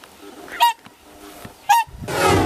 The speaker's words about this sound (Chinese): 就在考察队员准备返回时，忽然听到了急促的叫声。原来是大天鹅夫妻意识到幼鸟出现了危险，急切地赶了回来。